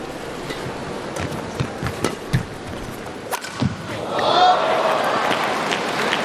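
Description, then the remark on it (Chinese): A badminton rally in Ningbo: a string of sharp, snappy racket smacks as Shi Yuqi hits the shuttlecock over the first few seconds, some with squeaky footwork, before the home crowd's roar swells up and carries on. “非常的有力量，你听他击球的声音啊，你就是能够感觉到这是一个非常的有力量有速度的这个进攻，但是呢球偏差的还是比较多的。”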